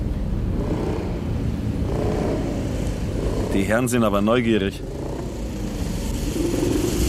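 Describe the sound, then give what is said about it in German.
A motorcycle engine rumbles steadily throughout as it follows a car, with a man talking over it and a brief wavering tonal sound in the middle, like a horn or siren. “Du, ich glaube, uns verfolgt ein Motorrad.”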